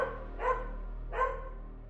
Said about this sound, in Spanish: El ladrido de un perro.